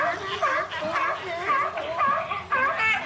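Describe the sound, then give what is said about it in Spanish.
Sea lions barking on an island beach during their mating ritual, in a steady, overlapping chorus, with harsh, wavering honks and bleats repeating about every half second, loud and continuous for the whole stretch. “Los leones marinos venían 2 veces al año a la playa en su ritual de apareamiento. Era muy desagradable aquel sonido que hacían.”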